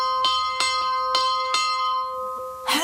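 A hand-rung bell clangs about five times in quick, slightly uneven succession, its bright metallic tone ringing on and fading after the last stroke, followed by a brief rustle; the bell is rung to call a ferryman across a lake.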